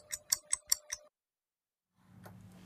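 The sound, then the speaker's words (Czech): Five crisp, evenly spaced clock ticks of a time signal on the Czech station Rádio Proglas just before 1 p.m., clear, with a faint steady tone beneath, then a pause before a low rumbling sound fades in. “Přesný čas vám přináší jen zbytečný stres.”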